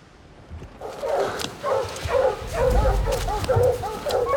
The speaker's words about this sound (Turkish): Önümden köpeklerin havlamaları geliyor. İşte orada.